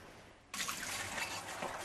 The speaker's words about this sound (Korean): 이렇게 이어폰을 낀 채 설거지를 하는 이유가 있습니다. 제가 이제 코로나 감염되고 나서 이명 증상이 생겼어요. 그냥 스쳐갔던 소리도 저는 굉장히 예민하게 들리고 스트레스로 다가와서 이 설거지 할 때 이 그릇 부딪히는 소리도 저한테는 굉장히 크게 들리고 스트레스로 오거든요.